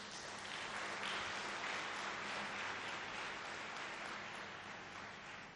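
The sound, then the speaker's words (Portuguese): A crowd applauds the leadership of the United Nations representative and the United Nations in Mozambique, a dense wash of many hands clapping that holds an even loudness for several seconds and then begins to ease slightly toward the end. “Por isso, peço uma grande salva de palmas.”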